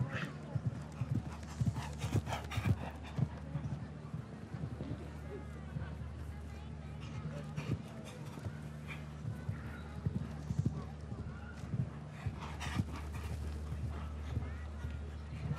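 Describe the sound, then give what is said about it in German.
Rhythmic clip-clop of the horse Garmin's hooves galloping, ridden by Swiss rider Schmitz, steady and quick, running under continuous talking over a constant low hum and background noise. “Die Galoppade ist da, der räumt hier die Meter unter sich weg, dieser Garmin von Chaco Chaco.”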